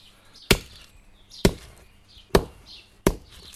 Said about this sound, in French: Ah, je casse les huîtres là. Alors, c'est bien de les laisser au soleil, de les laisser à la pluie. Elles sont plus faciles, elles sont plus friables.